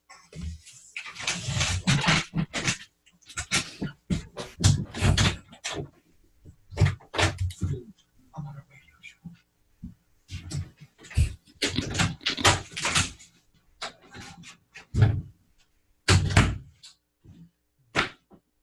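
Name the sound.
knocking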